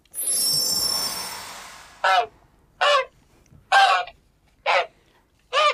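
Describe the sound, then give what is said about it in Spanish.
A shimmering whoosh fades out, then a goose honks five times in a steady, evenly spaced rhythm, each call loud and harsh. “¿Otra vez en ganso?”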